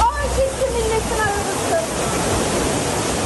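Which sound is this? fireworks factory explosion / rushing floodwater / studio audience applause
rushing floodwater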